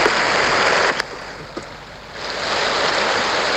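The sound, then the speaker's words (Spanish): A steady, dense wash of heavy rain falling in the Machalí area roars throughout, with a few faint clicks and small taps briefly breaking through; no one speaks. “Es la lluvia que se siente fuerte en estos momentos de manera lamentable.”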